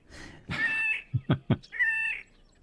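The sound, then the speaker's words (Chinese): A bird's song that sounds like a cat's meow: a drawn-out nasal, mewing call, then three short clipped notes in quick succession, and another long whining mew, clear. “对， 我们来听听它的歌声，好像猫咪耶。”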